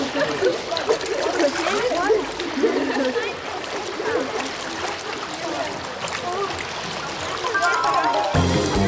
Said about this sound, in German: Am Ende jeder Stunde dürfen die Kinder toben, spielen und vom Beckenrand ins Wasser springen. Das liebt Conny besonders, weil es so schön spritzt.